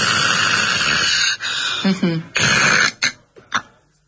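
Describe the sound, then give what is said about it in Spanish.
A voice imitates a person who snores, stops breathing in sleep apnea and breathes again: a long harsh snore, a brief break, choking snorts, another strong snore, then sputtering gasps that trail off into quieter breaths. “Una persona que ronca y hace una apnea y vuelve a respirar, ¿no?”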